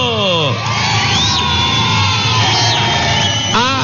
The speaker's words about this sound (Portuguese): Palmas pra todo mundo!